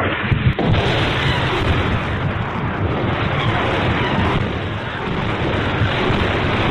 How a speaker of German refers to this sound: Nachts hörten wir oft die Explosionen von Grad-Raketen.